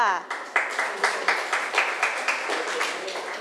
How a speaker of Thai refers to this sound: ปรบมือหน่อยค่ะ